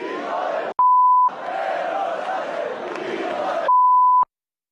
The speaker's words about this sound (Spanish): Yo lo del pitido, de verdad que lo llevo fatal, pero bueno, oiga, nos mandan poner, lo que quiere usted que le diga. Pero por otra parte, creo que se percibía lo que ha querido decir la multitud.